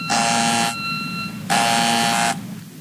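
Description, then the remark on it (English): A harsh electric door buzzer sounds twice, each burst lasting under a second with a short pause between, loud with a steady droning tone over faint background hum. “I better get that. I think the door is still locked.”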